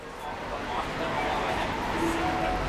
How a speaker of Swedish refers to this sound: På en spårvagnshållplats mitt i rusningstrafiken sitter gatumusikern